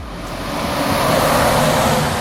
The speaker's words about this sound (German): LKW an LKW rauscht vorbei. Die Bundesstraße 400 teilt das Dorf Ulfen in 2 Teile.